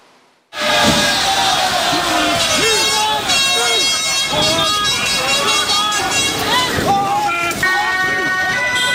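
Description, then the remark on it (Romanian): A loud, chaotic street clash in The Hague between police and dozens of protesters who throw objects and fireworks: a dense crowd shouting and yelling nonstop, with piercing horn or whistle blasts cutting through the uproar after a brief quiet start. “Au fost ciocniri violente astăzi între poliție și zeci de protestatari la Haga.”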